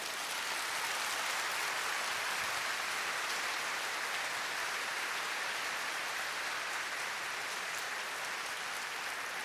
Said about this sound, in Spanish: Hay poder en el nombre de Cristo Jesús. No busquen. Aplaudan al Señor.